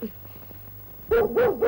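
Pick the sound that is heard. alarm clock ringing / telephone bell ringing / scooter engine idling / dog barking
dog barking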